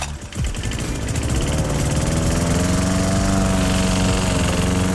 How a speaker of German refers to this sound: Und weil SWR4-Hörerin Hildegard Balz aus Mutterschie diesen Rasenmäher bei uns im Programm gehört